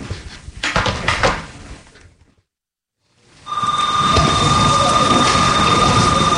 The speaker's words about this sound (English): School I go to is Boston Latin Academy in Roxbury. Right now, I'm just going through the hallways. Bell just rang. Fourth period. Lunch is about to start.